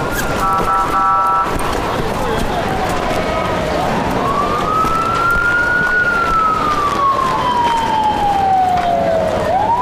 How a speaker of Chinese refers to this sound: 赶紧开救护车！